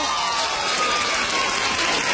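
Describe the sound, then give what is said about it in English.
A crowd of women claps steadily for a couple of seconds, a dense, even wash of many hands at a fairly loud level with no voices coming through. “How many of you ladies would like to get paid to shop? Clap your hand.”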